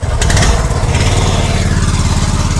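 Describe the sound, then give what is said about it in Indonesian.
The outboard engine of a small ketinting longtail boat runs loud, a steady rattling putter with dense low-pitched pulsing throughout and no voices, as the boat carries travellers on a trip of about one hour to the village of Korowai Batu. “Ya, pendengar, saat ini kami akan melanjutkan perjalanan dengan menggunakan perahu ketinting, di mana kami harus menempuh perjalanan sekitar 1 jam untuk dapat sampai di kampung Korowai Batu.”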